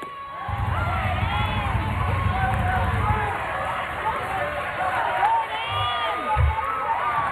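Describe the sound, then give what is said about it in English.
A stadium crowd in Lafayette, at a game with Texas State, that has stayed through heavy downpours, cheers and shouts in a steady, dense roar. Individual raised voices rise and fall above the babble, with a low rumble through the first few seconds. “Very solid crowd that has stuck around here, waded through the deluges that we have seen here on the Bayou.”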